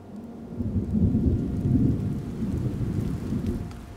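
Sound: rain falling with thunder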